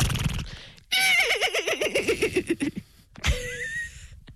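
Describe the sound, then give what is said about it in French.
Human voices mimic a horse's whinny in a horse-imitation contest: one long, quavering call that wavers downward in pitch, a brief pause, then a second shorter whinny. Loud, with no ordinary talking. “Après, il faut que je fasse le cheval pendant 45 minutes.”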